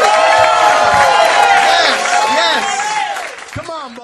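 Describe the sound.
An audience at a show bursts into loud applause and cheering for a performer at the end of his act, with whoops and shouting voices over steady clapping that gradually thins and fades over about four seconds.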